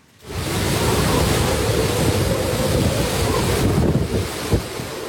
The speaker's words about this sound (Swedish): Stormen slår mot kusten på den japanska ön Okinawa med 12 meter höga vågor. Vinden piskar och nästan välter träden i videon från nyhetsbyrån Reuters.